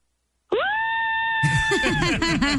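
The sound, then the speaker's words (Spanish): A woman lets out a long, loud, high-pitched excited scream for a radio promo, held steady for about a second before breaking into rapid shrieking and squealing bursts. “¿puede gritar para promo? Sí, claro, grito.”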